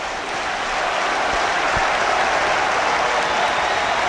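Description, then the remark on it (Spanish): A large crowd of sports fans chanting together, blending into a loud, steady roar like dense applause that holds for about four seconds, with no single voice standing out. “Vamos a escuchar el cántico.”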